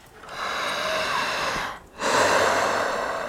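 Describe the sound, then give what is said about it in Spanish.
Deep, forceful breathing through the mouth as a breathing exercise, one long airy inhale followed by a short pause and a long exhale, loud with no talking. “Vamos a respirar igual que yo. …, por favor, haga esto.”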